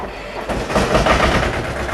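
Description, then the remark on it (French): A two-cylinder tractor engine runs loudly with a steady purring rumble and a rapid, uneven knocking pulse, swelling in after a quieter first half-second. No one speaks. “C'est un deux cylindres, alors ça cogne un peu, ça ronronne.”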